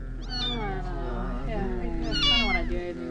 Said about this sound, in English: What's wrong with the kitten? Oh, it's dying, man. Don't worry about it. Can we help it?